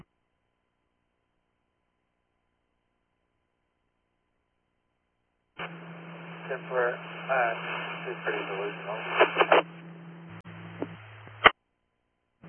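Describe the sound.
After several seconds of silence, a tinny police radio transmission crackles in: a garbled voice buried in static and hum for about six seconds, unreadable except for a "10-4", then cuts off abruptly.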